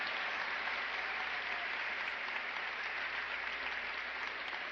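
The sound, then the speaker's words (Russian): Steady, sustained applause from an audience in a hall, a dense wash of clapping that holds at an even, loud level for the whole stretch with no speech over it. “В зале смех, аплодисменты.”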